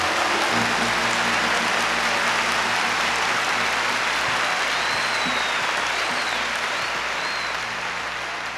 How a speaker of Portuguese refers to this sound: Give the Lord another hand of praise. Vamos mais uma vez aplaudir o Senhor com as nossas mãos.